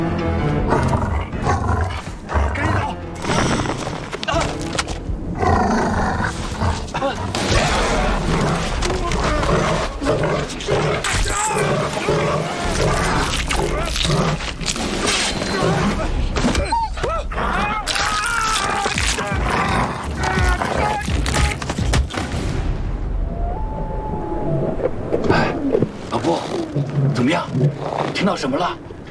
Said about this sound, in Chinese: 我们肯定是遇到狼了呀！